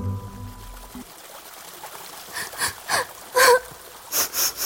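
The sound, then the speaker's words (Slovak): Soft, breathy sniffles of someone crying come in a quick irregular series from near a little basket, broken by one short, wavering whimper. A low steady hum fades out before they begin, and no one speaks. “Také čudné fňuka a smrk.”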